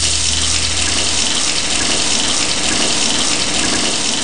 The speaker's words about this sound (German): Moment, erstmal eine kalte Dusche.